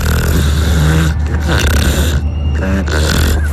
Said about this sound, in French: Je crois qu'on les entend bien, les truies ronfler, non? Elles ronflent bien, là.